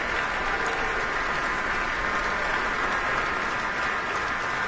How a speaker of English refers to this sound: Let's see, now a round of applause for the entire woodwind section. They were working really hard tonight.